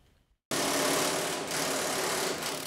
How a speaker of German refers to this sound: Es wird geschraubt, gebohrt, gegossen und gestemmt. Die Erneuerung der Bahnstrecken in Essen und Mülheim ist ein echtes Mammutprojekt.